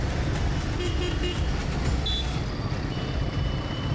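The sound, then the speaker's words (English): Dense street traffic in Mumbai rumbles steadily, with engine noise filling the background and a few short horn toots and high beeps cutting through. “Riding such a heavy machine and then getting out of the traffic is a challenge every time.”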